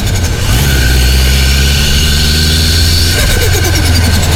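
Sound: tuned car engine revving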